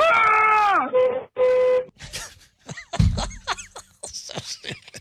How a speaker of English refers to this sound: There was a honk, and it was more honking, and it was a lot of honking. Yeah, a lot of honking.